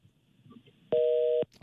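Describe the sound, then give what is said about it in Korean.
After a quiet stretch of low background noise, a loud steady electronic tone of two close pitches sounds for about half a second, then cuts off: the disconnect signal of a dropped phone call with a listener calling in to a Far East Broadcasting Company radio program. “떨어졌습니다. 다시 한번 전화를 드려야겠네.”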